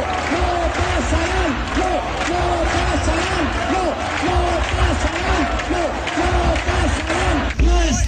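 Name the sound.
protest crowd chanting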